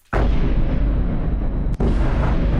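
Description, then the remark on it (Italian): Heavy missile explosions boom out at night in Kyiv during a Russian bombardment, a sudden loud blast followed by a rolling low rumble, then a second sharp detonation that keeps the deep roar going. No voices are heard. “I boati tambureggianti nella notte di Kiev, insistenti come la volontà della Russia di piegare la resistenza ucraina, con gli sciami di missili, droni che si avventano sulle città”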